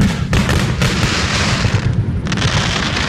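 Fireworks bang and crackle in a dense, continuous barrage, with deep rumbling booms and sharp bursts layered on top, loud throughout and with no voices.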